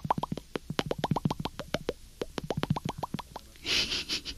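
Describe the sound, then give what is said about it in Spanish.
A voice imitates bubbling water with a quick run of wet, popping mouth clicks, dozens of short plops in an uneven rhythm, ending in a brief breathy, hissing burble. “Y en lugar de oír trinos, oiríamos burbujitas así.”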